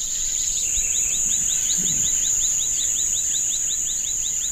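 A dense night-time rainforest chorus at the edge of the rainforest by the unlit end of a village after dark: a fast, evenly repeated series of chirping calls from birds and frogs over a steady, shrill insect drone, continuous, with no voices.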